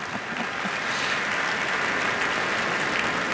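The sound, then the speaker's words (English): A crowd claps steadily for a conductor, a dense, even wash of applause from many hands that stays loud and sustained throughout without pause or voices. “please applaud him also, please”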